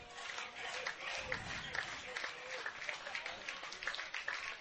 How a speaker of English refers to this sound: Fans with a meager 2-strike clap.